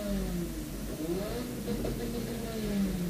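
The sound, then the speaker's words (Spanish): Several motor engines rumble and rev as support vehicles, fire-extinguisher crews, quad bikes and a rescue pickup truck arrive, their pitch rising and falling as they move in, with a steady low drone and no clear voices. “Pulgar arriba, llegan auxiliares, matafuegos, cuatriciclos, camioneta de rescate.”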